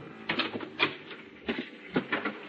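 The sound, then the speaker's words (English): A series of light, dull taps on a cabin door at 10 o'clock at night, about six of them in an uneven, hesitant rhythm, with brief quiet gaps between and no voices. “At 10 o'clock that night, there was a tap on my cabin door.”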